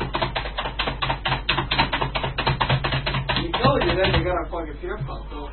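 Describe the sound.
Rapid, steady clatter of computer keyboard typing, fairly loud for about three and a half seconds, then voices talk over fading keystrokes.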